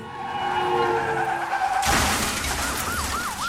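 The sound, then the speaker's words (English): A car accident sound effect: a loud, sustained tire screech fills the first couple of seconds, then a sudden crashing burst of impact noise, followed by a wailing siren rising and falling in the background. “If you're ever involved in a car accident, remember these important three tips.”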